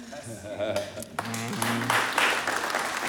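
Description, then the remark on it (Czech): A few people clap unevenly while voices talk over it, the scattered clapping swelling into a steady patter after the first second. “Jak tleská jenom někdo, jak jsou tady jako zase faninky někoho jiného.”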